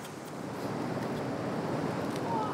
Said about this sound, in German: Er ist da ganz hinten drin, in der hintersten Felsspalte und greift die Muscheln so raus, weil die da so groß sind. Und ab und zu kommt eine Welle rein und haut ihn fast weg, aber das gehört wohl dazu.